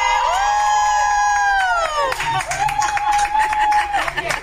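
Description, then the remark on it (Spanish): A loud, drawn-out shout falls in pitch, then breaks into a dense roar of cheering and yelling from a large crowd in a stadium, recorded on video from a box, sustained throughout. “Para que te vuelvas a emocionar, otro grito, Exalovers.”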